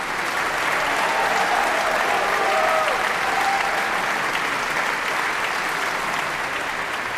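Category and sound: crowd, concert audience applauding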